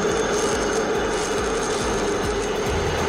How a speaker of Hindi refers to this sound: Parade के बाद वायुसेना के लड़ाकू विमानों ने किया शानदार फ्लाई पास्ट, सेना के शौर्य की नुमाइश। फ्लाई पास्ट में वायुसेना के हेलीकॉप्टर भी हुए शामिल, आसमान में परवाज भरकर किया जाबाजी का प्रदर्शन।